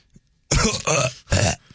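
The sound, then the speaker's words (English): A loud belch comes in three rough, guttural bursts back to back, each lasting a fraction of a second, with no talking around it. “Let me belch real quick because that's very healthy to belch.”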